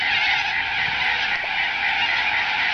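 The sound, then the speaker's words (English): A dense, continuous din of Bunbury corellas screeching harshly in Bunbury, many birds calling at once in a raucous, unbroken wall of sound with no speech. “The birds! They're awful, the Bunbury Corellas.”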